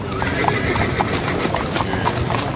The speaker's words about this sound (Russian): По темной улице бешено налетели конские копыта.